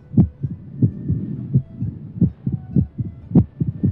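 A strong, steady heartbeat of a healthy heart thumps in a regular lub-dub rhythm, low, repeating several times over a few seconds with no voices.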